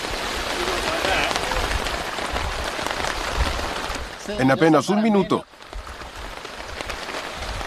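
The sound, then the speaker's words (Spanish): Steady, dense rain drums on a tarp being put up in the rain, a constant hissing patter throughout, with a voice speaking briefly over it partway through. “El desafío es secar la mayor cantidad de cosas lo más rápido posible mientras ponemos la lona bajo la lluvia.”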